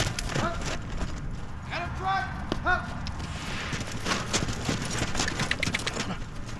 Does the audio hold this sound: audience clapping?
no